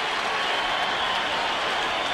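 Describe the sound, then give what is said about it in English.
A crowd at a White Sox baseball game on the south side boos steadily, a dense, unbroken wash of many voices holding at a loud level for about two seconds with no clear pauses or single voices. “He can't hear. Crowd booing vociferously.”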